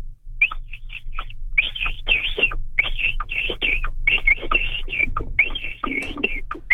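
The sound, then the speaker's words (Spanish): A person imitates a capybara call with a rapid, uneven string of high squeaky chirps and clicks, fairly loud and continuous for several seconds over a low steady hum. “Como que le cuesta trabajo al capibara.”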